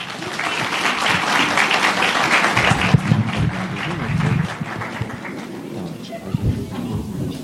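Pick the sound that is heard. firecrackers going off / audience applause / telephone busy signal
audience applause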